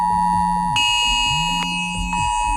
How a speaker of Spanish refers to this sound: Y una cosa más, esta mañana a algunos les habrá sorprendido esta alarma en sus móviles. Eran sobre las 11:15.